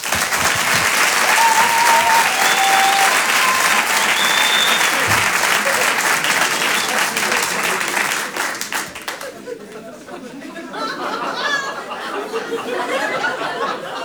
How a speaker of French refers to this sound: Je demande également un tonnerre d'applaudissements, s'il vous plaît, pour Aymeric Lompré.